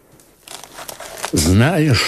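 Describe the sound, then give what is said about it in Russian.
Dry crinkling and rustling of an old, decayed parchment will being handled after being taken from under a pillow, a second or so of brittle crackles, followed by a man's voice starting to speak. “Достань из-под подушки бумагу.”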